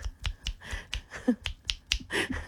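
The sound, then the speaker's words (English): A rapid string of about ten sharp finger snaps, an impersonation of clicking at someone to get their attention, crisp and fairly loud, in an uneven, insistent rhythm with no talking. “It's rude to click at someone.”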